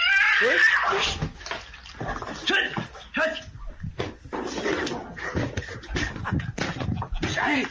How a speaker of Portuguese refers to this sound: É uma briga, briga! Jugular do gato pegou. Briga de cachorro e gato. Pegou na jugular do gato. O gato não gritou mais, só o cachorro. Briga dos dois.